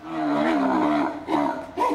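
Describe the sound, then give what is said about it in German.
A stallion left on his own calls out with a loud, harsh neigh, a long wavering scream that trails off and breaks into two shorter, rougher calls near the end. “Ja, er ruft jetzt halt mit dem dieses Wiehern oder Schreien.”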